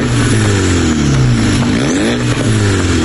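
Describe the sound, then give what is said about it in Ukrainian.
A car racing through the streets roars loudly and continuously, its low harmonic tones rising and falling as it revs, with a brief dip in pitch before climbing again. No one speaks. “Ганяють вулицями і ревуть як шахеди.”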